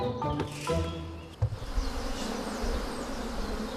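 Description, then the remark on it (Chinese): Honeybees buzz in a dense, continuous swarm hum as a colony is split in a mountain forest at midday on a hot, sunny day, with a few louder passing buzzes near the start before the steady drone of many bees settles in. No one speaks. “蜜蜂喜阴凉，午时刺热的阳光照射丛林，这正是分蜂的好时机。”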